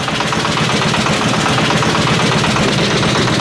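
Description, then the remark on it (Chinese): A fishing boat motor runs, a loud, steady chugging drone with a fast rhythmic throb and a hissy wash over it, continuing unbroken with no voices, as the boat returns with about 1,000 jin of large yellow croaker caught. “听到这个渔船马达的声音了吗？”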